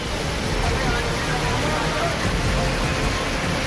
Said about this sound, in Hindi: अब राजस्थान के झालावाड़ का हाल देखिए। चार घंटे के भीतर 300 मिलीमीटर बारिश हुई और इलाके में लोग त्राहिमाम कर उठे। ये स्कूल का वीडियो है, यहाँ पानी ऐसे बह रहा है मानो बांध खुल गया हो।